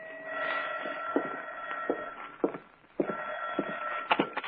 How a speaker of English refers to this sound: 2 days later, I was home in the apartment. I sat down with a good book, and it was about 11 o'clock when the phone rang.